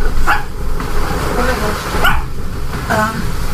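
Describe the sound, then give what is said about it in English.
A female dog barks three times in short, sharp bursts spaced about a second apart during a thunderstorm, over a steady background rumble with some faint voices. “She's barking.”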